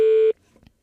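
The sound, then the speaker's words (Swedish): A loud, steady ringing tone on an outgoing telephone call, made to congratulate a friend turning 60, sounds once and cuts off abruptly after a split second, leaving faint, indistinct murmuring afterward. “Tycker jag att man ska få ett samtal.”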